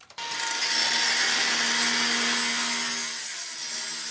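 Construction site tool noise in Großkreuz, in an open, light-filled storage hall where an apprentice plumbing and heating mechanic and colleagues build a heating system: a loud, continuous grinding rasp, like a saw cutting, starts after a brief knock and runs steadily for several seconds with no one talking.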